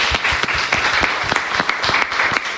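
An audience applauds a performing contestant, a dense wash of many hands clapping at an even, sustained level with a few sharper claps standing out, and no voices on top.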